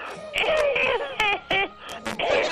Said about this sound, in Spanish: Bueno, la tos esa no estaba en el chiste. Esa me dio la tos.